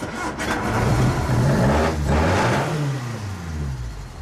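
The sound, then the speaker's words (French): A 1600 cc car engine revs up and down in steady loud surges, its low rumble rising and falling in pitch over several seconds, with no voices present. “Un 1600 cm3. D'accord, un moteur qui aurait un peu ce bruit-là.”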